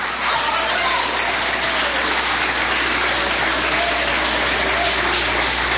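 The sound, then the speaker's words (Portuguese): An audience applauds steadily, a dense, continuous wash of clapping at a loud, even level for several seconds, with faint voices mixed beneath it. “Cadê as palmas que glorifica a Deus?”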